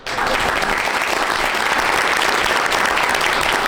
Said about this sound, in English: There you go. Big applause for the new boss there.